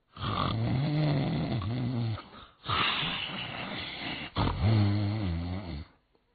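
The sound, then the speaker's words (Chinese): A man's voice imitates loud, rattling snores, three long raspy snorts in a slow rhythm, forceful with brief gaps between them. “干干净净的床上摆着里面三新的新被或新褥子，上边躺着一个人，这呼噜是打得震天响啊。”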